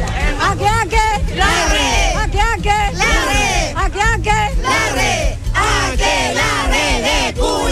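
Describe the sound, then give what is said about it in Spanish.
A crowd shouts a rhythmic cheer in unison at the opening of the fiestas patrias celebrations, many voices rising and falling in repeated chant-like bursts, loud and continuous throughout with a dense babble underneath. “Oye, pero parece como grito del club de Puerto.”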